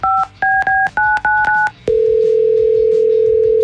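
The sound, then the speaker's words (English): A radio station places a telephone call to a contest winner: a quick run of about six keypad dialing beeps, then a steady, loud ringback tone that hums on without a break. No one speaks. “Let's hope he picks up.”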